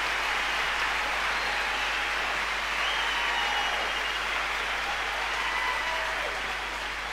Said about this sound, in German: Was ein starker Team hier. Ja, lassen wir den Jubel mal noch ein bisschen brausen.